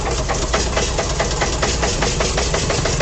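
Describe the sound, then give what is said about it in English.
The engine of WDEV Radio Vermont's Fairness to Fans machine idles steadily for about three seconds. It is a loud, even rumble with a quick rhythmic pulse running through it, and the machine is maintained by LaRue Brothers Transmissions in Barton. No one speaks over it. “Hear that baby purr. It is meticulously maintained by LaRue Brothers Transmissions in Barton.”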